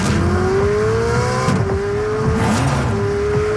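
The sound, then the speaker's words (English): A gas-powered Ferrari sports car engine revs hard and loud, its pitch climbing through a couple of gear changes with a raspy, roaring exhaust note, continuous with no talking. “One of Ferrari's gas-powered sports cars sounds like this.”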